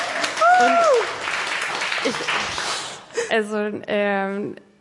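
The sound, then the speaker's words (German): A burst of audience applause for a guest scientist who works in a sleep laboratory, dense clapping lasting about three seconds with a brief whistle-like cheer early on, then fading as a voice begins speaking. “Käthe Krankenhaus und ein Applaus für unsere Wissenschaftlerin!”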